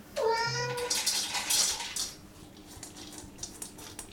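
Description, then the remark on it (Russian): An automatic cat feeder in a smart home, activated by a voice command to Alice, dispenses food for the cat Dosik: a short tonal cry, then a second of bright rattling as dry kibble pours into a bowl, trailing off into faint scattered clicks. “Что это? Кормушка для кота. Хозяин демонстрирует ее в работе.”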